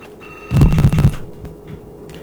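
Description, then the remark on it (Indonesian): A telephone rings in one short, rapid buzzing burst lasting about half a second, fairly loud, then cuts off. No one speaks. “Telponnya ngapa dah naik eh?”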